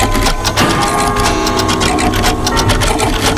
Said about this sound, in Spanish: Hombre, 230 relojes sonando todos los días, pero cada uno en su sitio. Venga, cada uno en su sitio.